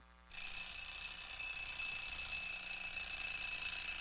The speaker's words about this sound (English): Don't you hear that alarm clock? Get on out of that bed and wash your simple head.